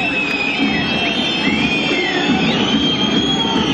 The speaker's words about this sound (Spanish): Yo te lo avisé. Así se va Racing, envuelto en silbidos.